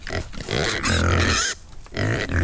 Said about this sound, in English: he has been out and about paying a visit to a rare breed of curly pigs in Tempo outside Enniskillen.